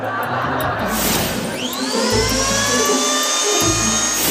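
A dentist's electric drill used to drill teeth whirs into life, its thin high-pitched whine rising in pitch and then holding steady and loud over a low background rumble for several seconds.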